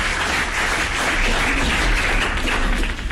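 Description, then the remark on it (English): Steady, dense applause fills the whole stretch, a loud crackling wash of many hands clapping at once with no pauses and no voices over it. “So now I'll take that applause, please.”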